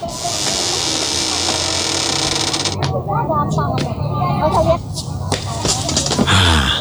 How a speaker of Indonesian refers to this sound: Sebentar, saya tutupkan dulu pintu pagarnya Pak.